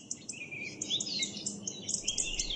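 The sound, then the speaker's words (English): Several birds chirp and warble continuously, their high, quick, overlapping trills and tweets layered over a steady low background rumble. The calls are fairly soft and no one speaks. “I love birds, but often their cheerful chirping and warbling can be cut short by noise pollution.”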